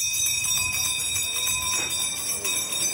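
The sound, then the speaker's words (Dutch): A town crier's handbell rings steadily and rapidly at a town criers' contest in the centre of Rijssen, Netherlands, marking 25 years of the Rijssen-Holten municipality, with participants in historical dress. A bright, high metallic clanging with sustained overtones, loud and continuous throughout with no voices. “Bellend.”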